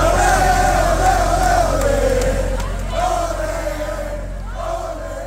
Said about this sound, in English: As you can hear, it was a spirited crowd, and they were absolutely thrilled when Cabo Verde officially advanced.